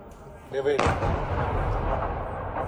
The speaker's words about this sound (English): This is the moment one building was struck.